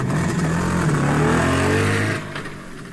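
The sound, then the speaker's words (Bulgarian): A motorcycle engine revs loudly with a steady, rising mechanical drone, then fades noticeably as the bike pulls away. No voices are heard. “И мотоциклетът понесъл котаракът и наивния Прокопчо към неизвестното място”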